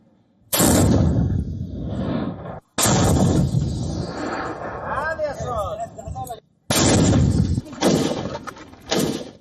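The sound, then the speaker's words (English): Three loud, booming explosions in Riyadh, Saudi Arabia, from Houthi strikes said to hit King Khalid International Airport and an Aramco refinery, in quick succession, each followed by a heavy rumbling roar that lingers about two seconds before cutting off, with faint voices audible amid the noise. “Loud explosions rattled Riyadh on Monday as the Houthis said they hit the Saudi capital's King Khalid International Airport, as well as an Aramco refinery and other targets”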